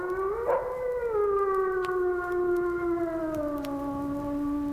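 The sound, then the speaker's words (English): A single wolf howls in one long, sustained wail that starts slightly higher and slowly slides down in pitch, rich with overtones, heard alone without any talking. “The howl. That eerie wail that is by far the most significant call of all animals.”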